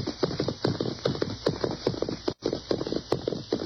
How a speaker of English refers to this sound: Now, you ride ahead and ask if we can water our horses.